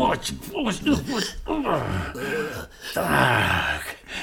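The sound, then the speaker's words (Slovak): A voice imitates a wolf's loud snoring: three drawn-out, groaning breaths, each rising and falling in a slow, steady rhythm, prominent with nothing else around it. “No, ani sa nezobudil. Chrápe, že by z neho mohol pásy rezať.”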